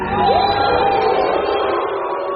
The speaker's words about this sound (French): depuis le début du festival, à chaque projection officielle ou presque, le logo Canal, qui apparaît avant les films à l'écran, est sifflé et hué par une bonne partie des spectateurs.